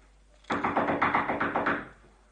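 A rapid burst of about ten loud knocks on a laboratory door in the early morning, evenly spaced, lasting just over a second before stopping, with no voices.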